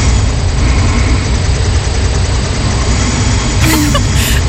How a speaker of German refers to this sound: Ich habe eine neue Smartwatch und in Nacht 1 habe ich angeblich 11 Minuten geschnarcht und das wollte ich mir halt einfach mal anhören.